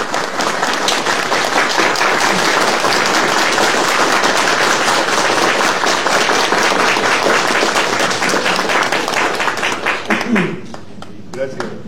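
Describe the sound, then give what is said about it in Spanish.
An audience breaks into sustained, loud applause for the media attending an event presenting an education agreement, a dense crackle of many hands clapping at once that holds steady for about ten seconds before thinning out and fading near the end. “Nosotros les tributamos un fuerte aplauso, por favor.”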